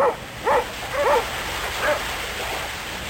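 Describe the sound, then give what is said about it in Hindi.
Sled dogs that pull sleds over snow in the tundra of Russia bark and yip in a few short, high bursts spread irregularly over a few seconds, against a steady rushing background noise. “Tundra क्षेत्र में इन गाड़ियों को कुत्ते खींचते हैं।”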